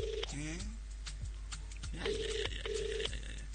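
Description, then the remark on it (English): An outgoing call's ringback tone purrs in short repeated bursts, steady and clear, with a brief voice murmuring between rings over a low background hum. “Are they going to pick up?”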